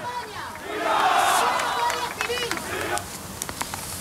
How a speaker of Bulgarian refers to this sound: Междувременно повече от 1000 души се събраха пред посолството на Мароко в Мадрид, за да протестират срещу ескалацията на мигрантската криза.